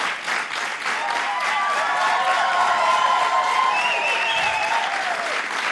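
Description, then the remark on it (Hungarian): Loud, sustained audience applause fills the whole clip, a dense wash of many hands clapping with some faint cheering and whistles woven through, steady in volume from start to finish. “Hát ekkora taps cunamira nem is számítottam.”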